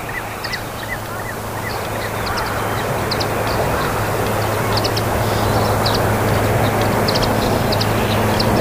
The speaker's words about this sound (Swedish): Så kommer det svanar, tre stycken. Lågt över vattenytan.